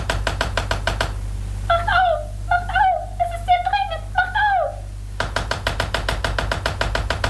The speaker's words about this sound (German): Lukas und Jim schliefen noch immer, erschöpft von der nächtlichen Reise, als sie plötzlich durch heftiges Pochen an der Tür des Palastzimmers, in dem sie untergebracht waren, aufgeschreckt wurden.